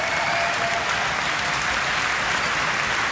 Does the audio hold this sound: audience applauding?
yes